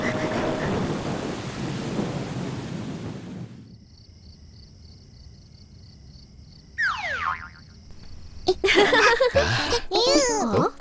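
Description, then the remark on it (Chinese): A loud, deep rumble of thunder rolls for a few seconds as rain is about to fall, then fades into quiet, followed by brief whooshing effects and animated voices. “打雷啦，打雷啦！ 看来马上要下雨了”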